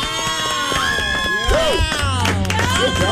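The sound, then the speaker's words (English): A crowd claps and cheers loudly and steadily, with dense rapid hand claps under high, wavering shouting voices that rise and fall in pitch throughout. “Why am I clapping for myself?”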